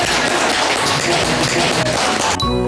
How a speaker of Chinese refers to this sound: 是的嘛，这就很好嘛，鼓掌！来来来来来。